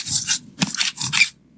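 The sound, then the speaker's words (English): Food being scraped off a kitchen counter: four or five quick, rasping strokes in a loose rhythm, fairly loud, with no voices. “Then you go ahead and scrape it off the counter.”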